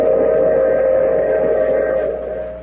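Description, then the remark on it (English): A train at a station stop sounds a long, steady whistle over a low rumble, loud, holding for a couple of seconds before easing off slightly at the end. No one speaks. “Oh, you have to get off here. I'm sorry. But I'm sure we'll meet again. I take this same train every week at the same time.”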